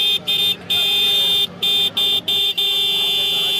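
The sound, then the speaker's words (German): A Roots vehicle horn, the number one horn on the Indian market, honks loudly at a horn seller in India, a string of short blasts separated by quick breaks, ending in a long, sustained blare with a bright, piercing tone. “legen knapp 20 Euro auf den Tisch für den König der Hupen”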